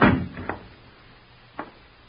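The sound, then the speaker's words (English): A door thuds shut with a heavy, low knock, followed by a couple of quieter clicks from the latch as it settles, then near silence. “Keep quiet and shut the door.”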